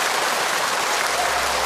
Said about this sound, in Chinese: 挺好，也很好，我们掌声给一哥，